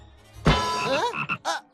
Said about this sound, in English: Frog?